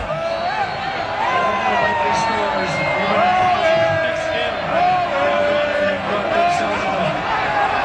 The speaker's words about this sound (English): As soon as that goal went in, listen to this crowd, mostly now Ghana fans sticking around after the game, reacting to the big win. And here they are when the goal was scored.